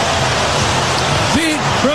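A stadium crowd roars steadily after Armstrong's 435-foot leadoff home run to right center field in the first inning against the Reds, his 34th of the year: a loud, dense wash of cheering with a couple of rising individual shouts breaking through toward the end.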